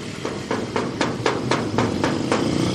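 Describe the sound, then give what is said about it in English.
A steady series of about nine sharp knocks on the door of a large house, evenly spaced roughly a quarter second apart, rapping over a constant low rumbling hum with no voices. “We knocked, waited, and waited, but we could see no one had been here for a long time.”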